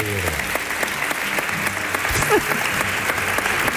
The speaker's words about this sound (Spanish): Un aplauso